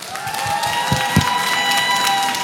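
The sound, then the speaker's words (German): A live music festival audience in Hamburg, on a day of sun and rain, applauds and cheers in a dense, steady wash of clapping throughout, with a sustained high-pitched tone ringing through the crowd noise. “Nochmal einen fetten Applaus bitte für euch.”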